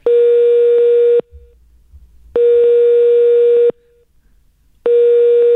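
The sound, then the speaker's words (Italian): Telephone ringing tones of a call to a shop selling chains repeat in quick succession: three loud, steady electronic beeps of about a second each, separated by short silences, with no voices around them. “Andiamo di squilli fa. Mitragliatore. È veloce, ma è veloce.”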